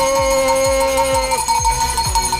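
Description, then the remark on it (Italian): A small bell inscribed 'Zoo Backup 2025' rings on the Italian radio show Lo Zoo di 105, with sustained, steady metallic tones that hold for about a second and a half before fading, over a regular low thumping beat of five or so pulses. “No, perché questa è bella, c'è scritto Zoo Backup 2025, ma è un po' piccolina.”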